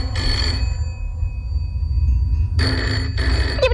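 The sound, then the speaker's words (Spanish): A telephone rings twice, with a pause between the loud bursts, over a steady low rumble, as el Chano phones Gregor Flaute, a lawyer in Cádiz. A brief metallic ring begins right at the end. “Y sin esperar respuesta, el Chano coge el teléfono y llama a Gregor Flaute, el abogado más famoso de todo Cádiz.”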